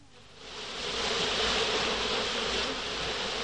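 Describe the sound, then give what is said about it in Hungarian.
A steady, continuous buzzing of many bees swells in over the first second and then hums on evenly, a dense droning swarm with no voices. “Mit csinálnak a méhek a rózsákon?”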